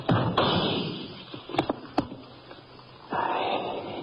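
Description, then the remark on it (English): A chair, given a good hard push by hand in the dark, is shoved and topples over as a bullet splinters into it, giving two or three sharp knocks and a thud, set between stretches of rough, heavy breathing-like noise. “The bullet splintered into the chair before it even toppled over.”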